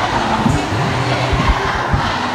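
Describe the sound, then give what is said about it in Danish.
A crowd of school students shouting together at a protest against high teacher absence, overly long school days and run-down schools, a loud, dense roar of many voices with rising and falling swells, steady throughout and no single voice standing out. “Og sådan her lyder det, når de forsøger at råbe magthaverne op.”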